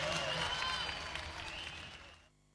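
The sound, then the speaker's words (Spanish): A burst of applause for Compañía Sentíes from a crowd, dense and steady with voices mixed in, lasting about two seconds before cutting off abruptly into quiet. “aplauso a Compañía Sentíes.”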